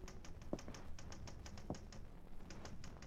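Steady, uneven clatter of typing, with quick keystrokes tapping out in irregular bursts, close by and moderately quiet, with no voices over it.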